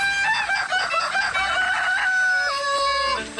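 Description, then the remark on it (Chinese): A rooster crows loudly, its drawn-out call blended into a classical music piece that mixes in natural chicken-farm sound effects, with sustained musical tones that shift pitch near the end, from a chicken farm in rural Anji, China, with no talking. “古典乐融合了鸡打鸣、鸡跳跃、剁鸡肉等自然音效，赋予了安吉竹林鸡更大的商业噱头。”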